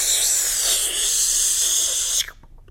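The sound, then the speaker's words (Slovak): A steady, bright hiss of spray paint leaving a can as scribbles are sprayed on walls, one continuous burst lasting a couple of seconds before cutting off abruptly, leaving near silence. “Jediné, čo ju bavilo, bolo sprejovanie hákov a bákov po múroch.”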